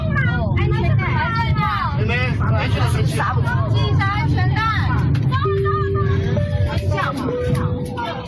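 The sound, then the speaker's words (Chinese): A steady, loud low roar of aircraft engines fills the cabin of a China Eastern Airbus A350 widebody as it taxis slowly toward a jet bridge stand and its left wing strikes the jet bridge, running continuously beneath overlapping chatter from several passengers, with a few brief higher tones cutting through near the end. “机舱内的乘客记录下了当时的瞬间，有乘客反映撞击感明显，发生了2到3次碰撞，现场发动机声音很大。”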